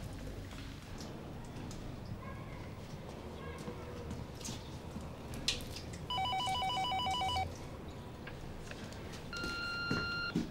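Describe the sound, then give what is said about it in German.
A telephone rings with a bright electronic warble, one longer burst followed by a shorter one a few seconds later, over a steady wash of rumbling background noise. “geh bitte ans Telefon.”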